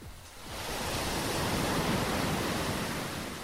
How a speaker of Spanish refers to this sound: ¡Se escuchan las olas! Desde aquí puedo olfatear el mar.